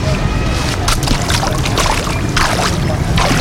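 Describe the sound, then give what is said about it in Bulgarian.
Water sloshes and splashes in uneven bursts as a beach manager walks into a murky, shallow river at Zlatna Ribka sea beach, with a steady low rumble of outdoor noise underneath. “За да докаже, че мътната река е безопасна, управителят на плажа влиза вътре.”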